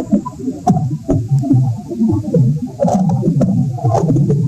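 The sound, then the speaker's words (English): Sharp cracks and pops crackle irregularly over a dense, low rumbling churn, recorded by a microphone stuck into garden soil; steady in loudness, with no voices. “We're calling them cracks and pops and stuff, and it's pretty alien sounding.”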